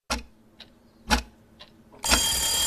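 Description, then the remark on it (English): A clock ticks four times at a slow, steady pace, strong beats alternating with softer ones, then a loud, bright alarm bell bursts in and rings continuously to the end. “Set your clocks 1 hour forward this Saturday night before you go to bed, so you're not late for work on Monday.”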